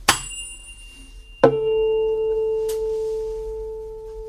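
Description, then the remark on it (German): A tuning fork is tapped against a harder object, then a second sharp strike sets off a steady, pure A tone for tuning a guitar's A string, which rings on for several seconds, slowly fading, with no one speaking. “Man nimmt eine Stimmgabel, klopft sie gegen einen etwas härteren Gegenstand und hält sie dann an die Gitarre.”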